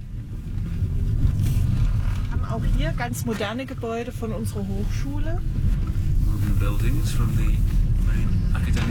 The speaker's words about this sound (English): What sort of a car is this? This is my company car, and I drive it everywhere, every day. And it's an electric car. Was it made nearby here in the VW factory? Of course, natürlich. Yeah. Made in Zwickau.